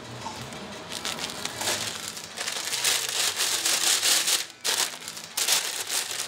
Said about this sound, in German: Ja, auch so eine Marotte von mir, Tüten ordentlich zudrehen. Ja, wenn du ein Mettbrötchen mit Zwiebeln hast und du schmeißt die da so rein und er macht so unterwegs auch, liegen die Zwiebeln drin und einfach schön zudrehen.